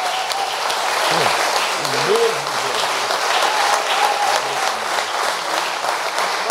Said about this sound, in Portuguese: Vamos aplaudir a Jesus.